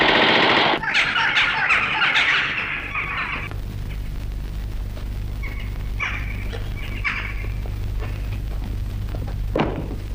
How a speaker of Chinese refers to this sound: 为什么乱放枪？ 弟兄们饿极了，用枪打乌鸦呢。